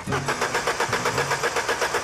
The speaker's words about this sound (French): C'est vrai que le seul son qui les intéresse pour le moment, c'est le doux bruit d'un moteur Cosworth Twin Cam, 2 litres à 16 soupapes, à plein régime.